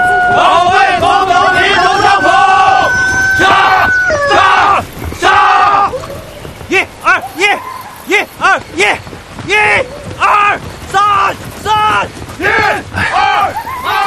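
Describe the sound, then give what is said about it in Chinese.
At dawn in Madaokou village, Ruijin, Jiangxi, Red Army soldiers at morning drill shout slogans in loud, rhythmic bursts, preceded by long, wavering high calls of roosters crowing among cattle and dog cries. “一个清晨，在中央红军驻地江西瑞金马道口村，晨曦中，战士们在晨练，跑步声、喊杀声、口号声此起彼伏，炊烟袅袅中，伴随着几声公鸡的啼鸣和牛啊狗啊的叫声，这情景真是好不热闹。”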